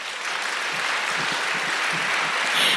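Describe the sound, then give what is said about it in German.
Audience applause from those who say the sea is their place of longing, a dense, steady wash of many hands clapping at once, sustained at an even level for a few seconds with no voices over it. “Und ich glaube, können mal alle klatschen, die sagen würden, das Meer ist mein Sehnsuchtsort.”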